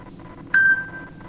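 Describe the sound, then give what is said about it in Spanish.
A telephone gives a single bright electronic ring as callers keep calling during a program, a clear tone that starts suddenly, holds briefly, then fades out over a low, steady background hum. No one speaks. “Los estúpidos siguen llamando, no paran. Sacá el teléfono, te dije que te lo lleves.”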